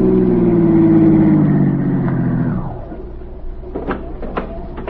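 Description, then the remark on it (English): A car engine hums loudly, its pitch easing downward as the car slows and comes to a stop at the curb, followed by a few sharp clicks and knocks in the quieter moments after. “the same car stopped at the curb.”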